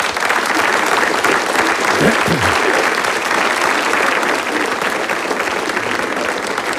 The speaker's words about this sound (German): Die müssen jetzt nicht jedes Mal klatschen, wenn sie was verstanden haben. Das dauert mir zu lange.